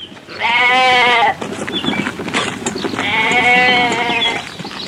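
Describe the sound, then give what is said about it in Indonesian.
Two loud sheep bleats, each a long wavering cry of about a second, separated by a short pause filled with rustling and shuffling; the sheep are at a well to be given water. “Izinkan saya membantumu menggeser batu dari mulut sumurnya agar kamu dapat memberi domba-dombamu minum.”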